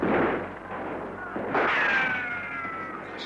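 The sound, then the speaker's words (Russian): A pair of heavy explosive booms from the squadron's own side's mortar fire during a battle, the second followed by a high whistling whine that trails off, with a continuous rumbling roar of battle underneath. “Наши минометы! Обидно будет, если своих накроют.”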